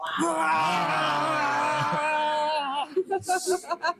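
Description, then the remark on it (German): A family lets out a long, drawn-out growling roar in imitation of a bear as the father gives his young daughter an injection in the thigh, holding it for almost three seconds before breaking into a string of short, rhythmic vocal bursts. “Und gemeinsam brüllen wir wie ein Bär.”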